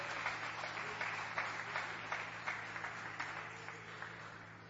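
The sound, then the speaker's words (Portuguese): An audience at a church service applauds steadily to glorify the name of the Lord, a dense wash of many hands clapping at a fairly even level with faint rhythmic pulses, over a low steady hum and no talking. “Podem se assentar e dar aquela salva de palmas para glorificar e bendizer o nome do Senhor.”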